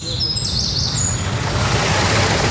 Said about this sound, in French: Au chant des oiseaux se mêle désormais le murmure de l'eau. Longtemps asséché, le petit étang a retrouvé son niveau d'antan. Il est alimenté par la cascatelle fraîchement restaurée.